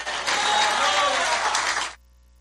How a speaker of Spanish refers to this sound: Al Señor ese aplauso, déselo fuerte.